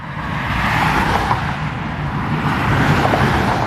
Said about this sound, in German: Noch rollt der Verkehr auf Sachsens Autobahn. Das könnte am Wochenende aber schon ganz anders aussehen.